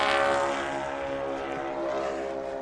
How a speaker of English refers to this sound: That's a great sound, right? The Tri-Motor is an awesome airplane.